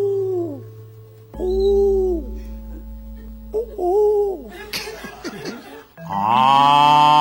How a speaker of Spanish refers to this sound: ¿Qué es eso? Una vaca africana.